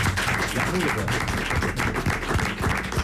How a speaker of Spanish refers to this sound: Bueno, y hoy programa especial porque tenemos también público con nosotros, así que un aplauso a los conquistadores.